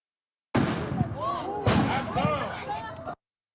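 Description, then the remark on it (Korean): Two loud, sharp gunshots about a second apart ring out in a residential neighbourhood of Erie, Pennsylvania, USA, in the afternoon, with echoing reverberation and agitated voices calling out in the background between them. “현지 시간 9일 오후 미국 펜실베이니아주 이리시 주택가에서 총성이 울렸습니다.”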